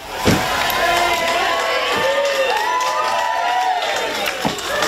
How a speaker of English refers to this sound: Crowds of well-wishers greeted the couple and senior members of the royal family arriving at the church in Kemble.